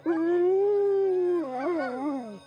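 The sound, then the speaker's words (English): A Greenland sled dog lets out one long howl, holding a steady tone before it wavers and bends downward at the end, with no voices and only a faint low hum behind it. “And then I came here as a young adult, and I completely fell in love with the dogs.”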